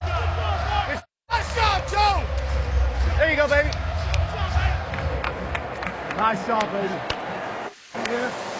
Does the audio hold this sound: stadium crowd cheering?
yes